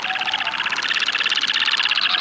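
A shorebird in low, buoyant flight over the tundra of America's Arctic gives a long, unbroken series of hooting calls over areas frequented by females, rapid throbbing pulses repeated at a steady rhythm and fairly loud, with no voices present.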